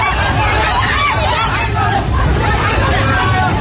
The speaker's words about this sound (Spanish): Este es el sonido del terror de la gente ante el torrente que ha arrasado en muy poco tiempo viviendas, coches, árboles y que ha dañado infraestructuras de todo tipo, carreteras, puentes, centrales hidroeléctricas